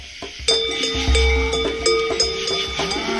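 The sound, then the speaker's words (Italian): A herd of about ten cows driven by a herder along a street during transhumance passes with many cowbells clanking and ringing irregularly, overlapping metallic tones, with a low rumble underneath and no voices. “Nella via davanti a Grug passò con una decina di mucche il cavernicolo pastore Zimil, intento in una transumanza”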